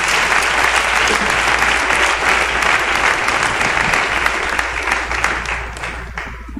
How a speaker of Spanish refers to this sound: Y le doy un aplauso, pero fuerte, al Señor.